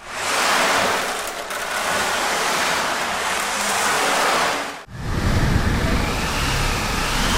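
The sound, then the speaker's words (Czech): A theatre sea-wave sound effect machine, shown at an exhibition, gives a steady, loud rushing wash that swells and ebbs like surf, then cuts abruptly to a rougher, fuller roar. No voices. “A ke scéně, jako je třeba moře, patří i zvukové efekty.”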